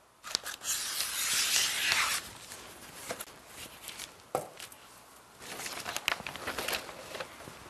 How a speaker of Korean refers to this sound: 그래서 이 OPP라고 불리는 이 비닐 포장지로 방수 처리를 해준 다음에 플로럴 폼을 넣고 그리고 그 위에 꽃을 세팅해 보도록 할 건데요. 박스 크기에 맞게 이 OPP 종이를 재단해서 방수 처리하는 작업을 먼저 해 볼게요.